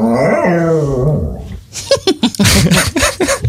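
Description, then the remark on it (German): A dog lets out a drawn-out, wavering whine like a whimpering yawn, fairly loud, followed by a quick series of short, breathy vocal bursts; the dog is not yawning but wants something it cannot get. “Das ist doch eindeutig ein Hund.”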